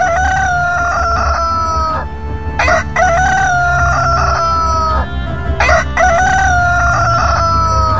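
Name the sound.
rooster crowing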